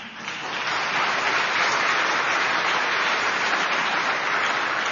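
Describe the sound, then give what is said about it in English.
A crowd bursts into sustained applause, dense clapping rising quickly and holding steady at a loud, even level for several seconds with no voices standing out. “Now, I suspect, given the crowd, that a lot of the people who just applauded are Democrats.”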